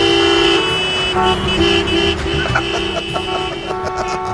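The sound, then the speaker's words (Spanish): Several car horns honk over a steady rumble of idling traffic in a jam in Málaga, Spain, between the bullring and the town hall. Overlapping sustained blasts and shorter toots sound loud, with a busy jam of engines underneath. “Pues escucha, aquí yo me he equivocado y yo me he venido aquí a la Madera Plaza de Toro y por lo visto están ahora ahí por el ayuntamiento, porque me pilla a mí a tomar por culo, cogió el coche y aquí estoy en medio de un atasco, aquí yo.”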